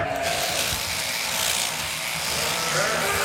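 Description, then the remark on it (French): Electric shearing clippers buzz steadily and loudly, a continuous motor whine that barely wavers as they shear a sheep's fleece, with no talking. “La tonte, c'est pour leur bien-être.”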